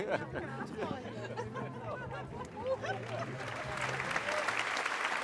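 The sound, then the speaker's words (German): Steady applause from a large audience at a circus show fills the space, dense clapping that swells toward the end, with murmured crowd chatter and scattered voices mixed underneath. “Ja, wir hören das auch gerade hier in Applaus.”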